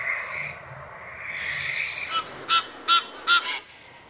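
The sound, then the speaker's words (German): A barn owl's long, raspy hissing screech runs for about two seconds, then four short, harsh honking calls of an Egyptian goose or grey heron follow in quick, even succession. “Ganz unten in diesem neuen Tübinger Ranking sind die Schleiereule, die Nilgans und Graureiher.”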